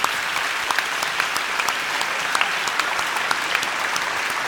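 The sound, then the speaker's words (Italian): A crowd claps steadily for a woman, a dense wash of many hands with sharp individual claps popping out, sustained for several seconds without talking. “Facciamo un applauso alla grazie signora.”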